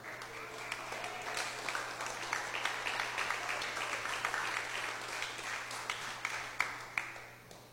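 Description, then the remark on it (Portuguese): A crowd applauds for Jesus steadily for several seconds, a dense wash of many hands clapping at once with a few sharper claps standing out, alongside a low steady hum. “Pode bater palmas para Jesus.”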